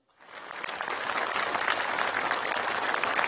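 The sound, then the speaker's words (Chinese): Sustained audience applause at an opera training showcase performance, congratulating young opera performers who completed their training. It builds quickly from silence into a dense, steady wash of many hands clapping, staying loud and even throughout with no voices standing out. “让我们用最热烈的掌声向圆满完成培训任务的青年演员们表示祝贺。”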